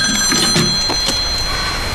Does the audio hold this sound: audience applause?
no